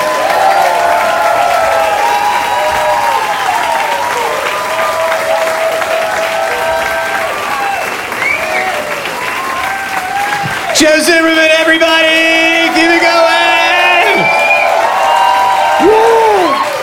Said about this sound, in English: Thank you. Thank you. You're still clapping? Okay.